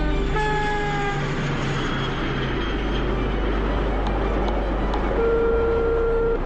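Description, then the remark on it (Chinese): A train travelling from Xi'an back to Dunhuang, China, rolls steadily along the rails with a loud, continuous low rumble and clatter, faint tonal hums drifting over it, heard from inside a carriage. “喂，主任，我正在从西安回敦煌的火车上，向您报喜啊”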